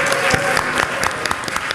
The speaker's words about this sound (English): Also to our live audience, thank you for your input in making this an engagement conversation. Round of applause for yourselves, please.